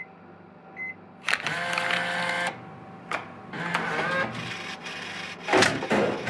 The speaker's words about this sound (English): Don't you love it when the vending machine gives you two for the price of one?